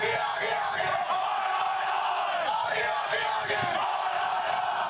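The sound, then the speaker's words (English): A large crowd chants together in unison, a dense, loud roar of many voices sustained for the whole stretch, swelling in rough rhythmic pulses with no single voice standing out. “But suddenly, many voices join together in something that sounds like...”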